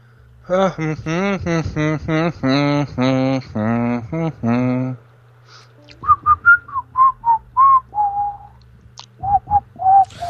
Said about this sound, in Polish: Gwizdanie w radio to nie jest dobry pomysł, to słabo brzmi, ci powiem.